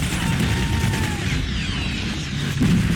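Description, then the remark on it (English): Loud, dense battle noise from a war film set in narrow streets with barricades and smoke: relentless gunfire and rumbling explosions as RPGs are fired, with whistling projectiles streaking past and a heavier blast near the end, no voices. “You're these narrow streets, the barricades, gunfire and smoke. They're shooting RPGs.”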